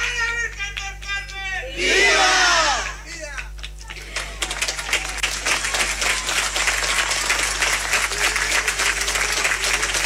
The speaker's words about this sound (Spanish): Démosle un fuerte aplauso a esta familia que ya para ellos es una tradición poder venir con sus bicicletas adornadas y rendir cada año su homenaje a la Virgen del Carmen.